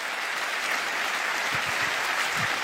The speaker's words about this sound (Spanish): Si ese aplauso es para el Señor, tendría que ser mejor que eso.